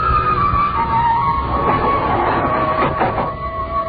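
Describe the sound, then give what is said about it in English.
A steady mechanical hum and faint whine of an elevator car moving slowly upward, with a continuous low rumble underneath and a few light rattles near the end; no one speaks. “Hearing that move furtively as the elevator moved upward with agonizing slow.”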